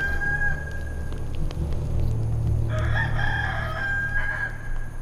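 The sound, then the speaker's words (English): A rooster crows once over steady low rumbling background noise, its rising, strained call starting partway through and carrying on for a couple of seconds at moderate volume. “Before the cock crows twice, you will deny me 3 times.”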